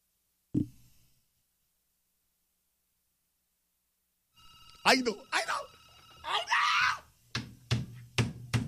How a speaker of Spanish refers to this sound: Que suene el teléfono ya, esa es la señal.